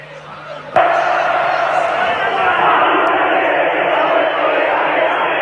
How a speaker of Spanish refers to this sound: Esos son los hinchas y los jugadores cantando.